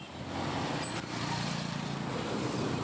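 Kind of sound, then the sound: ambience, street traffic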